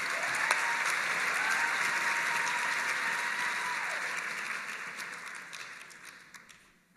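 A crowd claps steadily in a dense, sustained wash of applause that holds for several seconds, then thins and fades away at the end. No one speaks over it.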